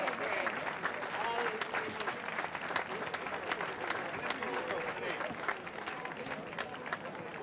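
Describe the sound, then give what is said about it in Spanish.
Sustained applause from a crowd in Laredo honouring the veteran float-builder (carrocista veterano) of 2026, dense overlapping claps forming a steady wash of sound throughout, with a murmur of voices mixed in underneath. “hoy recibe el aplauso de todo Laredo como carrocista veterano 2026, la insignia que le impone el alcalde de Laredo, Miguel González.”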